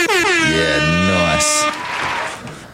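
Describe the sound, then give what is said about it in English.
A loud air horn sound effect blares in a rapid series of wavering blasts lasting over a second, then cuts off as a voice begins talking over a faint tail. “Can you hit them air horns for me, please?”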